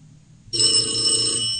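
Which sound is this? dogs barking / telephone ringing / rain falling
telephone ringing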